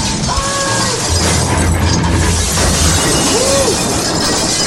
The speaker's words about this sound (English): I think the train derailed.